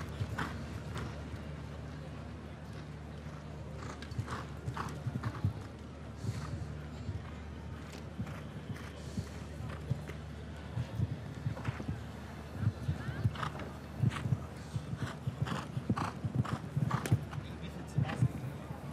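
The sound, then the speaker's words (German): Rhythmic hoofbeats of an agile show-jumping horse galloping with strong impulsion pound steadily over a low background hum, the thuds grouping into quick repeating strides that grow a little louder toward the end. “Sehr starken Impuls in der Galoppade.”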